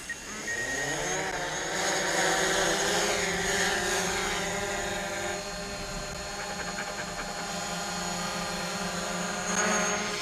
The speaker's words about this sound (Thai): งั้นผมก็จะทำคือส่งโดรนเข้าไปซึ่งมันจะให้ภาพมุมสูงของบริเวณนี้แล้วหวังว่ามันจะช่วยผมระบุได้ว่าพวกลูกหมีอาจไปอยู่ตรงไหน